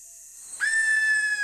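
A greater sooty owl gives a single loud call, an abrupt, piercing whistling shriek that holds and slowly drops in pitch, with no talking.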